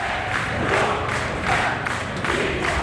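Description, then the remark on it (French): Over a hundred protesting lawyers, in lawyer's robes with red ribbons around their arms, chant vehement slogans against the Ministry of Justice a few metres from the court of first instance, in loud, rhythmic bursts, voices rising and falling together roughly every half second to second, a dense roar of many people shouting in unison. “Ruban rouge autour du bras et robe d'avocat sur les épaules, ils sont plus d'une centaine à crier des slogans véhéments contre le ministère de la Justice à quelques mètres du tribunal de première instance.”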